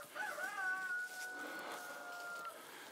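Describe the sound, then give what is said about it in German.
Hens in a mobile hen house weighing 4 to 6 tonnes call over a steady background hiss, their sounds drawn out and high-pitched, overlapping in long wavering tones for the whole few seconds. No one speaks. “Zwischen 4 und 6 Tonnen wiegt der mobile Hühnerstall.”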